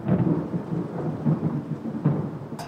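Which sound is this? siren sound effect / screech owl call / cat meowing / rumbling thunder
rumbling thunder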